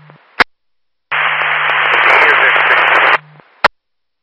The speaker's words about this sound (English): I cannot copy through static. Go ahead.